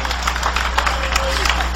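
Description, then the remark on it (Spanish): A church audience applauds in praise to the Lord, many hands clapping together in a dense, continuous patter that fills the room, with scattered voices mixed into the crowd noise. “Dale ese aplauso de alabanza al Señor.”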